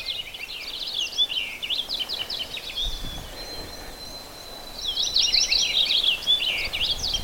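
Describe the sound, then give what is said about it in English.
A purple finch sings a bright, rapid warbling song almost continuously, with rich tumbling notes that pause briefly before resuming louder, set against a quiet outdoor background in wild, wet woods with no talking. “That's a purple finch.”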